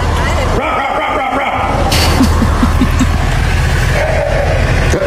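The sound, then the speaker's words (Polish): A frog in a drain well gives a quick run of about six short, low, bark-like croaks that sound just like a dog barking, in a steady rhythm, over a constant rumbling background hiss. “I to odszczeknięcie to nie był piesek, tylko to właśnie była żaba, więc ja na początku myślałam, że to są jakieś jaja, ale okazuje się, że nie.”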